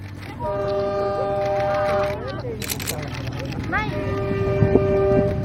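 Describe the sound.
A suburban railway Line S2 commuter train's horn sounds in long, steady blasts that bend in pitch as the train rumbles past, with a second shorter horn call later over the continuous rolling noise and a voice talking.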